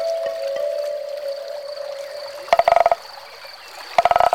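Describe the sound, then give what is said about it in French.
A frog croaks at a riverbank in two short bursts of rapid rattling pulses, fairly loud, set against a steady high whistling tone and faint outdoor ambience, with no one speaking. “Parfois, on entend une grenouille chanter.”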